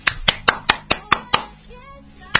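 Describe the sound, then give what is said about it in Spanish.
A quick, steady run of six or seven sharp hand claps, made to call at a house instead of ringing a doorbell, then a short pause with faint tonal sounds before a single final clap. “¿Cómo era mejor? ¿Tocar timbre, golpear las manos?”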